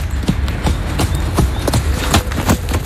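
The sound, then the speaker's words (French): Horse hooves clip-clop steadily on a hard surface at stables on the banks of the Rance, around 7:30 in the morning when the horses are fed, a series of sharp knocks in an uneven walking rhythm over a low rumbling background, with no one speaking. “Et mon plaisir de tous les matins, c'est d'être de bonne heure aux environs de 7h30 aux écuries, à nourrir les chevaux dans les box et dans les pâtures en profitant du magnifique cadre de la Rance.”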